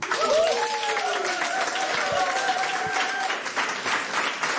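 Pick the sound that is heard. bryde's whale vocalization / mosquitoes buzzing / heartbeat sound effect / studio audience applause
studio audience applause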